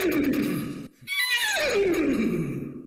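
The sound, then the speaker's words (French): A person imitates a horse's whinny: a sustained, nasal, vibrating call that rises high after a brief pause, then slides downward in pitch as it trails off, loud and alone without talk. “Mais je vais vous faire le cheval, si vous voulez.”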